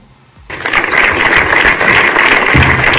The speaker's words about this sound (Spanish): I aquests són els aplaudiments de desenes de veïns del municipi. Ahir al vespre a la plaça de la Vila van fer una concentració de rebuig a aquest apunyalament, un acte que ha convocat el propi Ajuntament.